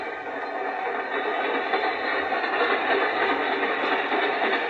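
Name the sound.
train running on rails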